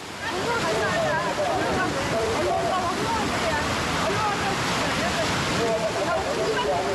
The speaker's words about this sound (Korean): 파도가 심상치 않습니다. 시간이 지나도 약해지기는커녕 점점 거세집니다.